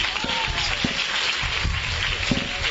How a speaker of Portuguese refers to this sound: Palmas para Jesus.